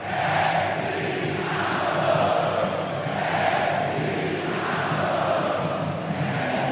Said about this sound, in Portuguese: Vamos curtir, sobe o som aí do Carl Hansen, o torcedor do Jack gritando isso aqui, ó.